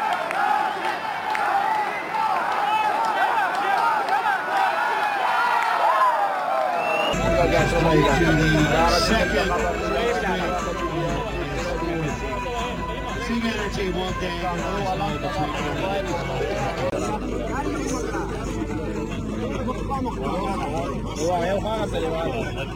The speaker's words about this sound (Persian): همونطور که دیدیم هوادارا و تماشاچی های بسیار زیادی هم آمدن، تخمیناً حدود 2000 نفر آمده بودند که تعداد بیشترشان هوادارهایی بودند که افغانستان را تشویق میکردند.